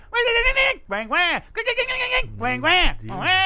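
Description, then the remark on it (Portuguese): A human voice imitates a bird's song with a series of rising and falling warbling calls, four or five bursts in a loose rhythm, loud and strongly harmonic with a wavering, bleat-like quality. “Eu sei qual é o som desse passarinho. Ele faz assim, sabe.”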